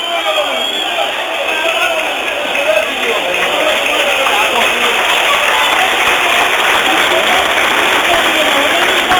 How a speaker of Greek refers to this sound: Χειροκροτούν οι φίλοι του Πανετολικού στο γήπεδο τον Παυλένκα που βγαίνει με το φορείο που φαίνεται να έχει χτυπήσει.